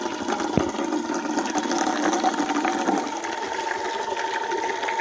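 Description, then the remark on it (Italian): Water pours steadily from the spout of a famous fountain, left running so the warm water clears, a continuous splashing rush with a faint mechanical hum underneath and no talking. “Adesso falla buttare un po', perché sennò è calda!”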